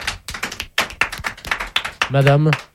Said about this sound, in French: parmi tous ceux qui vous applaudissent